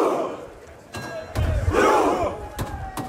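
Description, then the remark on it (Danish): Norwegian football fans in Miami, sitting on the ground side by side and rowing before the World Cup quarter-final against England, bellow their rhythmic battle chant, loud voices rising and falling together while sharp drum beats thump at intervals underneath. “Ja, her hører vi altså nordmændens efterhånden ret kendte VM-kampråb, hvor de sidder på jorden side om side og ror, mens der bliver slået på trommen.”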